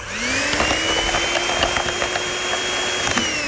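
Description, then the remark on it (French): A motorized whisk whirs steadily through black tea with added powdered milk in a glass, its pitch rising briefly as it spins up, then holding a constant buzz with faint rattling clicks throughout. “Et on ajoute le poudre de lait. On va le fouetter.”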